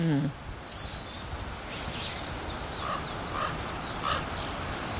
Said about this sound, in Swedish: Kungsfågens sång är så långt ifrån kungssången man kan komma. Och inte mycket att yvas över. Den lilla ramsan hinner inte stort mer än börja förrän den tar slut. Fågeln kommer liksom av sig